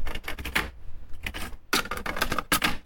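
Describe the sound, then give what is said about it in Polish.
A cassette is pushed, tape side facing down, into the opened cassette compartment of a tape deck: a series of plastic clicks and clattering rattles in uneven bursts, with a brief pause in the middle and no voices. “Kieszeń się otworzyła i mam tutaj kasetę, Wkładam tę kasetę. Kasetę wkładamy tak, aby taśma była pod spodem.”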